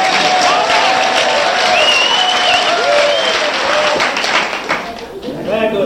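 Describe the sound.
An audience at Mavericks Flats claps very fast and continuously during a live KPFK radio show recording, a dense, loud wash of applause with a few whoops and voices rising over it before it thins out at the end.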